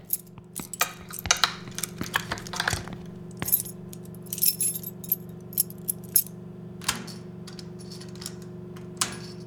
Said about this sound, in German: Warum sollte man eine normale Kellertür abschließen? Na, hoffentlich passt einer unserer Schlüssel.